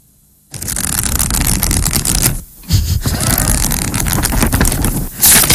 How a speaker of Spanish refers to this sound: Darte aire, pasar hojas. Pasar hojas, entonces, ¿qué estás haciendo? Leyendo.